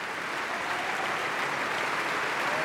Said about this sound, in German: Und jetzt bedankt sie sich auch noch mal beim Orchester und vor allem bei ihrem Solisten. Hören Sie kurz den Applaus.